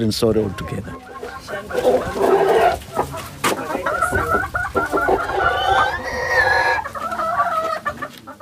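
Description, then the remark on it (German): Several chickens on a small farm with goats and a field cluck busily while a rooster crows, its drawn-out call rising over the flock near the end, with a voice talking underneath throughout. “Ein paar Ziegen und Hühner, ein Acker, eine bescheidene Unterkunft.”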